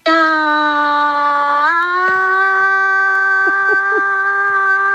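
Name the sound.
short final scream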